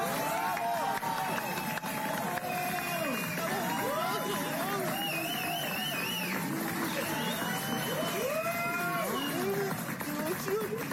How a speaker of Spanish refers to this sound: Sí, están aplaudiendo.